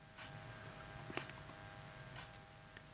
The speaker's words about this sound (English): Now it's time, folks, for this. Enjoy the silence. So we turn the mics up. Hear the tick of the clock.